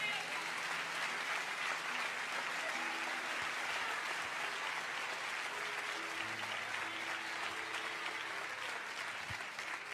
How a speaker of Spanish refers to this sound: ¿Puedes aplaudir a Dios?